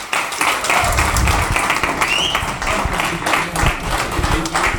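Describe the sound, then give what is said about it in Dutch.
Sustained applause from a crowd at a closing festival party, for people who cycled for charity: a dense wash of many hands clapping at a steady, loud level for several seconds with no pauses, plus a faint murmur of voices beneath. “Nou ja, na dat fantastische applaus gaan we zo meteen verder met de eerste artiesten hier op het slotfeest.”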